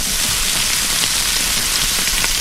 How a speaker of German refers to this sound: Es brutzelt das Fleisch und wenn das dann kommt, schnell anrufen